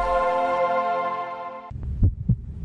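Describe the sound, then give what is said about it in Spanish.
A sustained, humming synth chord fades out, then a heartbeat sound effect in an ad for Saspi Kaleak Fashion Week follows: two deep thumps in quick lub-dub succession over a low rumble. “¿Sientes ese latido?”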